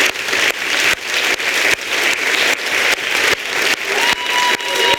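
Loud, sustained applause from an audience, a dense crackle of many hands clapping steadily throughout with no voices rising above it.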